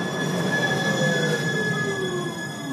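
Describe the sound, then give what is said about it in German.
The wheels of a route 27 tram in Munich's Maxvorstadt squeal steadily against the rails, sustained high-pitched tones gliding slightly over a continuous rumbling roll, loud with no voices. “Wenn an einem sonnigen Sommertag die Fenster der Wohnung sperrangelweit offen stehen, höre ich die 27er durch die Maxvorstadt schnurren.”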